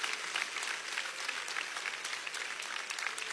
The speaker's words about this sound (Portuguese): Só aqueles que têm esta paz, pode bater mais palmas, dá glórias. Aleluias.